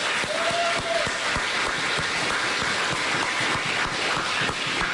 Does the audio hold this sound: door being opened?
no